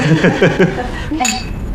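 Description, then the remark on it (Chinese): Several glasses clink together in a quick flurry of bright, ringing taps during a family toast welcoming a new member into the family, with murmured voices and a chuckle around them. “来，干杯！”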